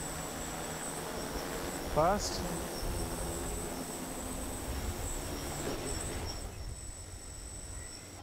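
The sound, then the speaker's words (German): A steady, high-pitched mechanical whine hums continuously over a rushing background noise from a drone flying back to its docking box after being commanded to return. A voice briefly says a single short word partway through. “Und jetzt drücken wir einfach, dass die Drohne einmal zurückkommen soll.”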